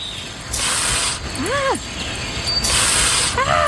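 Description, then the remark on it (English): A Canada goose hisses in two long, harsh bursts, separated by a short, rising-and-falling honk, with another brief honk starting at the end. “That sound, the hissing, the honk.”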